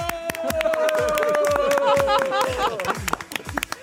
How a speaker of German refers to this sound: Applaus von euch selber an euch selber, ja?